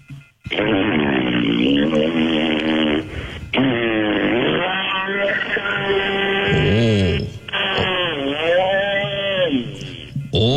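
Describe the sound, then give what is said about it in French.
A voice buzzes and growls in imitation of a chainsaw cutting a tree, its pitch revving up and dipping in repeated swells, loud and nearly continuous for about ten seconds with brief pauses. “La scie mécanique, là, maintenant. Il est allé couper un arbre en arrière.”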